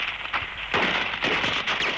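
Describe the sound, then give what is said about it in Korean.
A rapid series of sharp explosive blasts, three or four loud booming bursts in quick succession, with crackling debris noise trailing between them and no voices: landmines exploding on a steep cliffside mountain path, hurling clumps mixed with snow high into the sky. “갑자기 꽝꽝 하는 소리가 터지며 군덩이가 눈가로에 섞여 하늘 높이 솟구쳤다.”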